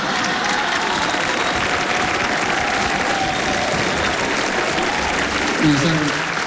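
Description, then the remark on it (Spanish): An audience applauds a joke about being 'bipolar', a dense, even wash of applause holding at a fairly constant loudness, with a brief voice rising over it near the end. “Eso no es para aplaudir, no es ningún mérito, la verdad.”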